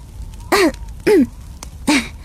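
Someone clears their throat three times in short, voiced bursts, fairly loud, with brief pauses between them and no talking.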